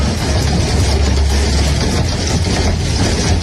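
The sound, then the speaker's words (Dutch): A heavy hailstorm of enormous hail in the Netherlands, about two months ago, pours down in a loud, dense, continuous roar, countless impacts blurring together into a steady wash of noise with a deep rumble underneath, no voices. The hail caused heavy damage to cars. “Toen hadden we die enorme horrorhagel, weet je nog?”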